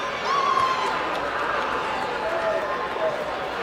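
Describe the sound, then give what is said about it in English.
A baseball crowd at a game between Omaha and the Bees reacts as batter Gustavo takes a heavy swing, a steady, dense wash of voices and murmuring that holds at an even loudness, with a few brief higher-pitched calls rising out of the noise. “Heard the reaction from the crowd as Gustavo took a heavy hack.”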